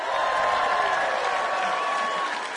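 A concert crowd claps steadily and densely throughout, applauding themselves for singing, a sustained wash of applause with faint cheering or a whistle-like tone mixed in, at a fairly even loudness.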